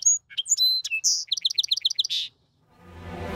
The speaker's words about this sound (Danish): Ja, sangspogen ligner en stor gråspog, og så lyder den sådan her.